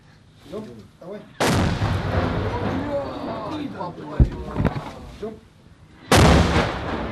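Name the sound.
tank cannon firing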